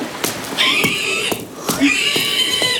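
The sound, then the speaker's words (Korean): Two shrill, drawn-out pig squeals, each lasting under a second, rise loud over scattered knocks and shuffling noises, with a short pause between them. “돼지 울음소리가 들려오지 않을 때까지 맹목적으로 걸었지만 걷고 또 걸어도 그 소리는 완전히 차단되지 않았다.”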